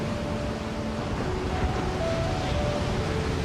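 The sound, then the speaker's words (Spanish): Ocean waves make a steady, rushing wash of surf that stays loud and even throughout, with no talking and a faint sustained tone humming beneath the roar. “Este es el océano.”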